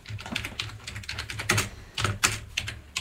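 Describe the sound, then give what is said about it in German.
Rapid keyboard typing as the word "Gamelan" is entered into a search, a quick irregular run of clicky keystrokes with a few louder taps standing out, moderately loud and with no one speaking. “könntest du vielleicht einfach Gamelan eingeben oder soll ich dir helfen, Gamelan zu finden?”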